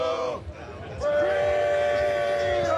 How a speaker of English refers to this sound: I can't get them to stop cheering.